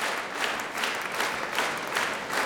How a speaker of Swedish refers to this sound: Ja, där ebbar applåderna ut